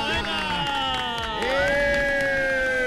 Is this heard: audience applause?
yes